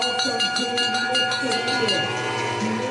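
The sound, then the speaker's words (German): A handbell is rung to signal the final lap of a race in Forst, clanging over and over in a quick, steady rhythm, its bright metallic ringing loud and continuous, with a murmur of voices underneath. “Der 78-Jährige läutet seit Jahrzehnten die Schlussrunde ein.”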